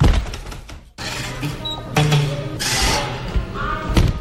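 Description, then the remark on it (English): The door of the Spotted Cat on Frenchman Street thuds shut with a heavy bang, followed by a few softer knocks and bumps over a steady wash of busy room noise and faint background chatter. “That was the door of Spotted Cat on Frenchman Street.”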